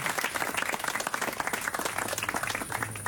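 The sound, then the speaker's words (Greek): An audience bursts into steady, dense applause for a female guest, many hands clapping in a continuous rapid patter at an even, fairly loud level throughout, with no voices standing out. “Οπότε, καταρχήν θέλω ένα δυνατό χειροκρότημα εδώ για το κορίτσι μας.”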